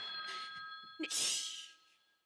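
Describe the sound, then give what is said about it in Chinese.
A telephone rings with a steady electronic tone for about a second, then a loud breathy rush of noise follows and fades out. “电话来了。”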